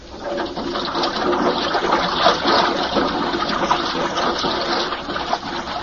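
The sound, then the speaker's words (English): A diving lock fills with water: a loud, steady rush and hiss of pouring water that churns on without pause for several seconds, with no voices. “Okay, I'm going to fill the lock.”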